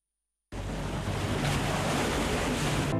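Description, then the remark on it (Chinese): After a brief moment of silence, loud ocean surf rushes in abruptly, a steady roar of waves washing onto the shore in Jinjiang, China, that continues without pause, with no voices. “阳光、海浪、古厝都在等着我们。”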